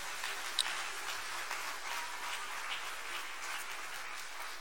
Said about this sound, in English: let us give a hand of applause to them.